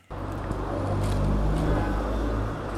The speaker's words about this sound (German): Es ist einiges los auf der Frankfurter Straße. Autos rauschen an Supermärkten, Handyläden und Imbissbuden vorbei.